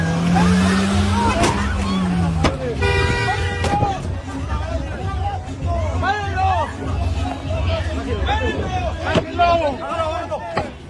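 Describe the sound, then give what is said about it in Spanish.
The engine of a red car revs hard and roars away amid a brief screech as its driver flees an altercation, with an excited crowd shouting and yelling over the steady engine rumble. “Tratando de huir de un altercado, el conductor del auto rojo estuvo dispuesto a todo, incluso a atropellar a esta mujer.”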